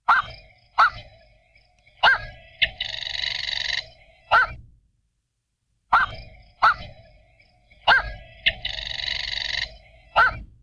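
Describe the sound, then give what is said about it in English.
Black-crowned night heron giving harsh, barking squawks: several abrupt calls and one longer raspy note, then a short silence before the same sequence repeats, clear with no talking. “So be on the lookout for black-crowned night herons if you're down at the coast.”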